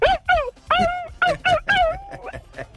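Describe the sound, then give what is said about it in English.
A voice imitates a dog barking, with a quick run of six or seven loud, yappy barks and yips in an uneven rhythm, trailing off into softer whimpering sounds. “And Dog. Ruff, ruff.”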